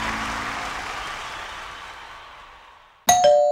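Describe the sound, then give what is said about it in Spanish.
A doorbell chimes near the end of a radio promo for the station RPP, a single bright ding with a short ringing tail, right after a long wash of broad noise slowly fades away. “Si tocan a tu puerta y te preguntan qué radio escuchas, solo responde: yo escucho RPP.”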